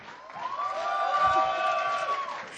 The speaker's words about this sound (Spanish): Así que quiero brindarle un fuerte aplauso, ustedes me van a ayudar.